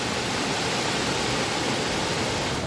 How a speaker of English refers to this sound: Heavy rains have wreaked havoc in Rajouri district of Jammu and Kashmir. Flash floods triggered by heavy rainfall has caused massive damage in Bela colony. Vehicles have been swept away by flood waters.